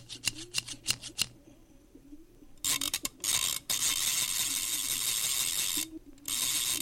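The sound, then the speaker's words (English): A few quick mechanical clicks, then a Singer Slant-O-Matic 403 Special sewing machine whirs in loud bursts, running steadily for a few seconds, pausing briefly, and starting again. No one speaks. “And then when they got home, they pulled out the Singer Slant-O-Matic 403 Special and the scissors from the teeny tiny woman.”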